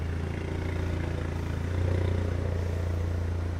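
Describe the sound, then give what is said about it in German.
A car engine rumbles steadily at low speed, swelling briefly as the owner drives the car forward onto a vehicle lift on police grounds for a defect inspection, with faint clattering underneath and no one talking. “Der Halter muss das Auto auf eine Hebebühne fahren.”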